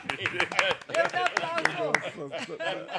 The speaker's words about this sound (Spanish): ¡Aplauda! ¡Muy bueno! ¡Aplauda! ¡Muy bueno!